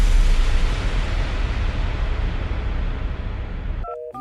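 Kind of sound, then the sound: signal or alarm, telephone dialing tones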